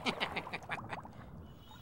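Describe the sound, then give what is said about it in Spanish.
Ducks quack in a rapid, overlapping burst, several calls in quick succession that taper off into quieter chatter, with a soft background hum throughout. “Como los peces viven bajo el agua y los patos sobre ella, no se encuentran con facilidad.”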